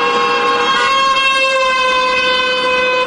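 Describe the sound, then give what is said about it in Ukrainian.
Loud car horns blare in a long, unbroken chorus, steady tones overlapping for the whole stretch with street noise underneath and no one speaking; drivers honk to support participants of a rally by relatives of captured and missing Ukrainian defenders, with traffic not blocked and a separate column of cars taking part. “На час акції рух серед містям не перекривають, а лише закликають підтримати сигналами її учасників.”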